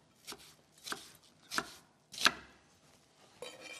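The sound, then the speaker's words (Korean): A knife chops through onion on a cutting board, cutting it into fairly large pieces, with about five crisp, sharp thuds at a slow, uneven pace, faint quiet between the cuts and no voices. “그래서 양파도 이제 금방 익는 재료이기 때문에 네. 사이즈는 조금 더 크게 제가 잘라주도록 사이즈 하겠습니다.”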